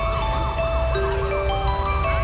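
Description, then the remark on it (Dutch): Sirens wail in rapid rising-and-falling sweeps over a steady low rumble and sustained tones, continuous and fairly loud throughout, with no voices. “Zij hoort die sirenes, zij weet het wordt laat.”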